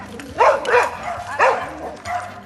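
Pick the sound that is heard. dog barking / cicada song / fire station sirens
dog barking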